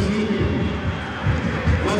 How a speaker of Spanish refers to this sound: Ahí está Díaz, que queda con la jineta de capitán. Lo aplaude el público.